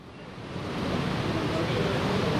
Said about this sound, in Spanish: Se espera mucha lluvia y es un estadio abierto, no es un estadio cerrado como el de Atlanta. Estamos viendo cómo cae agua, ¿cuáles son las de agua? Yo creo que se oye el agua, sí, ¿no?